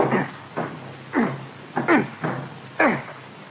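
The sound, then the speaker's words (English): A door being broken in after keys failed to open it: about six heavy thumps land at uneven intervals, each with a brief creak or groan of wood, with no talking. “I guess we'll have to break it in.”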